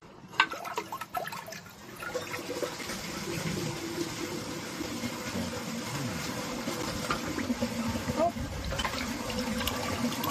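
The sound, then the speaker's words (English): An old 1976 American Standard Luxor toilet flushes: after a couple of brief clunks, a loud, steady rush of water fills the remaining seconds, sustained without letting up. “and we are going to be flushing it.”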